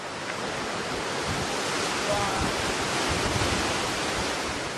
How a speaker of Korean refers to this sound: 네, 그 지난 남아공부터 3,000km 넘게 운전해서 왔는데 그 지난 시간의 피로가 지금 이 폭포에 씻겨 나가는 느낌입니다. 너무 좋아요. 뜨거운 태양 아래 폭포수를 맞으며 걷는 기분. 와, 달리 표현할 말이 없을 만큼 시원합니다.